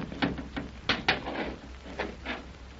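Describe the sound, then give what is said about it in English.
A stuck door, pushed down with hands flat against it, grinds and scrapes as it slides downward in short, jerky bursts, with a couple of louder knocking jolts amid a steady low rumble. No voices. “Hey, it's moving, Tex. It's moving. Well, it sure is, son. Look, it's going down.”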